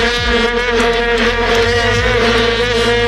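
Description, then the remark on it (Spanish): A loud, unbroken drone of many long plastic vuvuzela horns blaring together in the stands in Johannesburg on 11 July 2010, a buzzing, reedy hum with steady pitch and no pauses, sounding like a swarm of bees, with no voices. “en las gradas un molesto, pero al que nos acabamos acostumbrando, zumbido permanente que provenía, seguro que lo recuerdan, de aquellas largas trompetas de plástico, las famosas vuvuzelas.”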